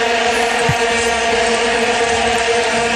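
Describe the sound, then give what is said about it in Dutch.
A vuvuzela blares in one steady, loud, buzzing drone that holds a single low pitch for the full three seconds, with no pauses or voices. “In dat jaar kreeg iedereen bij de post een oranje vuvuzela.”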